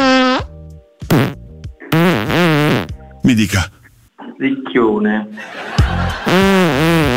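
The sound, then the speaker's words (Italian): A voice imitates a series of fart sounds: about half a dozen loud, buzzy blasts with wobbling, bending pitch, mixed with brief snatches of speech. “Quando toglie il plug anale, il suo culo fa questi suoni.”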